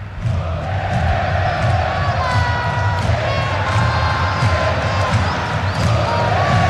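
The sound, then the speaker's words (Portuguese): A large stadium crowd of fans chants a player's name in unison, many voices rising and falling together in a loud, continuous, rhythmic roar that fills the whole recording. “A torcida grita Vitor Hugo pros dois.”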